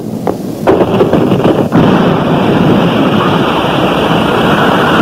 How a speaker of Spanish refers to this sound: La explosión del cristal ha creado vacío, por eso el aire se arremolina en esa forma.